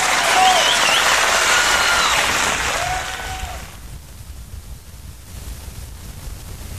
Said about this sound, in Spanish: aplauso de un momento.